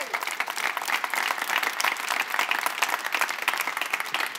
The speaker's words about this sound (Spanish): Les invito a dar un aplauso a Jesús.